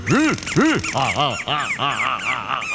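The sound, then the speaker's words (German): A small songbird squawks loudly, a rapid run of about seven harsh, rising-and-falling calls with no pauses between them. “Aber aufpassen, dass man den kleinen Sänger nicht wehtut.”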